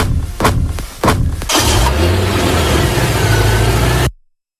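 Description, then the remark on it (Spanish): A few dull thumps, then a car engine revs up loudly and keeps roaring under broad noise as the vehicle pulls off, cutting off abruptly. “Es el final, triste final, de una historia que comenzó el 29 de octubre de 2017 con una huida en un coche blanco.”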